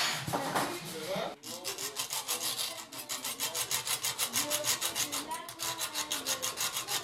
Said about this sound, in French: Là, je suis en train de couper du métal pour essayer de récupérer un axe de roue.